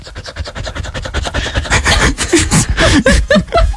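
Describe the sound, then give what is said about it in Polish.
A mixed-breed dog named Cheetos, recorded in a voice message on the way back from a walk, pants in quick, raspy breaths, several per second in a steady rhythm, getting louder partway through, with a few brief whiny tones mixed in near the end. “Zaprezentować, bo wyciąłem samo dyszenie z twojej głosówki.”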